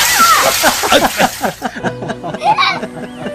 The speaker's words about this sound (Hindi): इतने में किसी ने चावतान जी, वर्मा जी और यमन पर एक बाल्टी पानी उंडेल दिया।